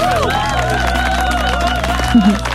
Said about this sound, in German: Aber unabhängig davon, ey, saustark, was du geschafft hast, das ist dein Applaus.